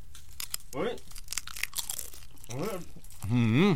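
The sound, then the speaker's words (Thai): Someone crunches into crispy fried sun-dried blackchin tilapia, a quick run of sharp, brittle crackles, while short voiced exclamations rise and fall between bites, the last one louder. “กินแล้วหนึ่งคำ ทุกคนชิมแล้วเดี๋ยวรีวิวกันนะว่าเป็นยังไงนะ”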